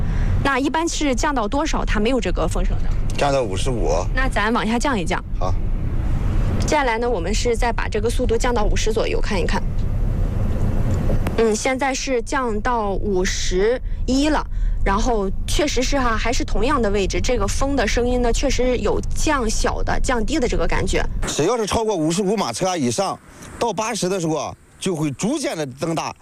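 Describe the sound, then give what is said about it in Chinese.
Steady wind noise rushes through the cabin of an Xpeng MPV driving at about 80 km/h on an elevated expressway. It is a continuous low roar and airy hiss, like air leaking through a window not fully shut, and it persists beneath people talking nearly throughout. “在我坐的这个位置的话，确实有这个风吹的声音，像是窗户没关严那种漏风的感觉。”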